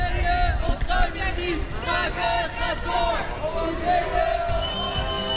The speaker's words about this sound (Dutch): Ze schreeuwen nog steeds hun leuzen, maar ze worden tussen 2 ME'ers meegenomen naar beneden.